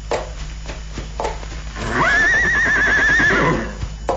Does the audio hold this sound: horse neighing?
yes